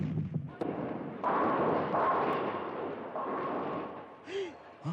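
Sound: cannon fire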